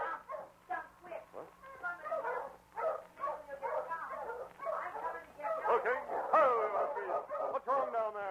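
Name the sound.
dog barking and yipping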